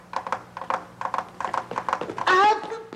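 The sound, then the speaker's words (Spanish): Rhythmic, hollow knocks tapped on a guitar body in a galloping clip-clop pattern, imitating horse hooves as a sound effect for a recitation of Las Aventuras del Charro Valiente, followed by a brief, bright, wavering vocal sound at the end. “Para que la gente crea que es un caballo. Sí. Pero no es caballo. Soy yo con la guitarra.”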